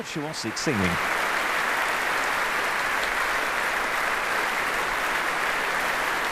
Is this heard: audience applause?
yes